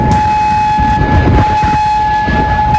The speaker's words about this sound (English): air raid sirens sounding across Kuwait City.